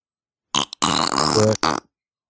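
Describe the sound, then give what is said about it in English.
A person blows a wet, buzzing raspberry with their lips, a flatulent sound in three bursts: a short sputter, a long rippling blat, then a brief final pop, loud. “You fart? No, it's my lips.”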